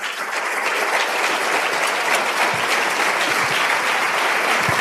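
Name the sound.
audience applause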